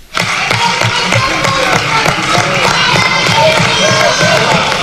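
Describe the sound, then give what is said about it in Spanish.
A group of protesting teachers shouts and chants together from the public gallery of a parliament chamber, calling for the regional minister's resignation, loud and continuous, with overlapping voices and a sustained roar of protest. “un grupo de docentes ha lanzado billetes con las caras del presidente y de la consejera, con los importes de las ofertas del incremento salarial, 75 euros y 200 euros, mientras gritaban, consellera, dimisión.”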